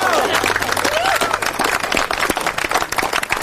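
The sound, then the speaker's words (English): An audience applauding themselves after singing, a dense steady wash of many hands clapping together, with some cheering voices and a rising whoop near the start. “give yourselves a clap.”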